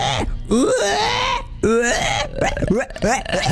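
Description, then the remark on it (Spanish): A person mimics a pig with a string of strained, nasal squeals and grunting vocal bursts, loud, rising and falling in pitch over a few seconds. “Es muy difícil hacer el cerdo, chico.”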